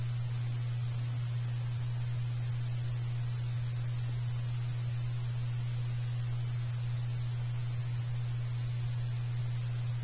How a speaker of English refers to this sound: Test tones for station 12. Test tones only.